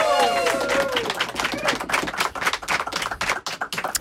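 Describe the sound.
An audience at a live broadcast on Radio Saint-Fé 94.2 Valdrome breaks into lively applause for the show's technician, many hands clapping in a dense, steady patter for about four seconds, with a few raised voices cheering over it at the start.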